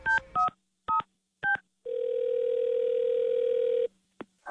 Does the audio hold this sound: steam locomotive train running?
no